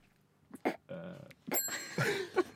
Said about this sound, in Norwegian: Det ringte i en bjelle nede ved alteret.